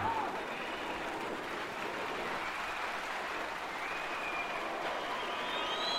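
Sustained audience applause welcoming a performer and his tribute to Colombian cumbia fills the whole stretch, a dense steady wash of many hands clapping at an even loudness, with faint cheers and whistles rising above it.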